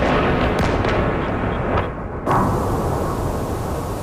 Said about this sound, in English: Explosions in Kyiv, where officials say at least four people died. Ukraine's military says Russia fired more than 70 missiles and 650 drones.